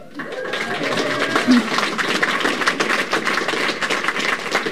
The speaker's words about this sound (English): Love the round of applause. Just as that showed, the mission recaptured the hearts and imagination of the country.